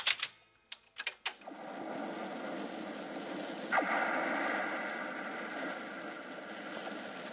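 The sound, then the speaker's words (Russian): Antenna wires at a lighthouse on an island in the Barents Sea ring and hum in the wind, a steady whistling drone over rushing wind noise that swells briefly midway, preceded by a few sharp clicks at the start. “Это звенят от ветра провода антенн.”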